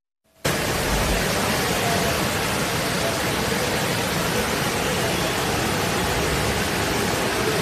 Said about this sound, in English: Major floods swept through Istanbul on Wednesday after heavy rains across Turkey. This video shows the floodwaters were so powerful, a woman fell, as you can see there, while trying to cross the street